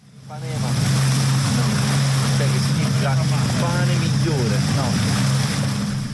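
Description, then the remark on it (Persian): Continuous summer beach ambience on the small Greek island of Atokos in the Ionian Sea: a steady wash of surf with a low motor hum running throughout, and scattered voices of tourists swimming, chattering and calling in the background. “در ساحل جزیره کوچک در دریای ایونی یونان، گردشگران مثل بسیاری از بازدید کنندگان این کشور محبوب مدیترانه در فصل تابستان در آبهای نیلگون مشغول تفریح و آبتنی هستند.”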